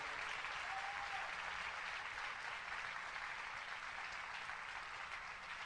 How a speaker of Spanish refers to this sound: Dale ese aplauso bien fuerte a Él.